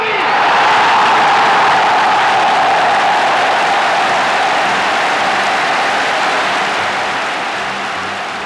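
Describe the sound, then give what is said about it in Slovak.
A large crowd at a rally roars and applauds loudly, stirred by a passionate speech from actor Marián Labuda, a dense sustained wash of clapping and cheering that stays strong throughout, easing only slightly toward the end. “Do varu uviedol dav svojim vášnivým prejavom herec Marián Labuda.”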